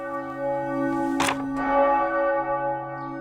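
A church bell in Schellenberg, a village of about 1,000 inhabitants in northern Liechtenstein, rings on a Sunday morning with a rich, sustained metallic tone, one clear strike blooming over the humming resonance of earlier peals, heard alone with no voices.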